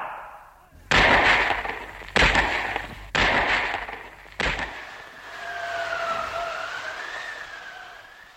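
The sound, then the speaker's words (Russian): Four loud gunshots of an execution ring out one at a time at uneven intervals, fired at five people made to face a pit, each with a long echoing tail; no fifth shot follows. A thin wavering whine lingers after the last shot. “Их было пятеро, но раздалось только четыре выстрела.”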